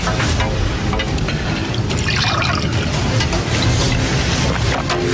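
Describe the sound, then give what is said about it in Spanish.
Water pours steadily into a glass for several seconds, a continuous splashing trickle with slight rising tone as it fills, no voices over it. “¿Me puedo poner un poco de agua?”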